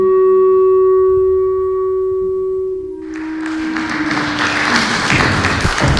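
A sustained tonal chord rings out and fades, then an audience at a castle on Usedom, during a festival, breaks into loud, dense applause for a musician that continues steadily to the end.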